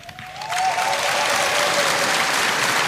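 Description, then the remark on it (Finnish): An audience bursts into steady applause for eight finalists and a tango orchestra. The applause swells within the first half second and holds at a full, dense level, a broad wash of many hands clapping together. “Näin juuri he ovat aplodinsa ansainneet, aivan kuten on myös … johtama loistava tango-orkesteri.”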